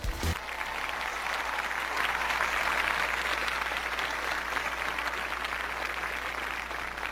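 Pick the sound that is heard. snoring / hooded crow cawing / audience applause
audience applause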